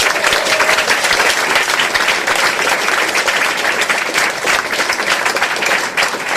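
A crowd applauds steadily, a dense wash of many hands clapping at an even, loud level for several seconds with no voices over it.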